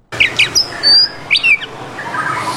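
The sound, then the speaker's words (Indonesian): A captive-bred white-rumped shama (murai batu), kept in a cage, sings a quick run of bright chirps and clear, sliding whistles in short bursts, loud, with no talking. “Arman selalu membersihkan kandang setiap hari agar murai batu ternaknya tetap dalam kondisi prima.”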